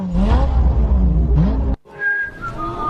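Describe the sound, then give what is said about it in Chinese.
A voice imitates a revving car engine, with buzzing, rising and falling pitched sweeps that break off briefly, then resume as thinner whistle-like tones, loud. “哪来的引擎声？”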